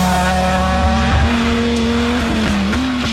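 A rally car engine roars steadily, its pitch holding then rising in a brief climb, with a sharp tire squeal cutting in over the loud, continuous revving; no one speaks.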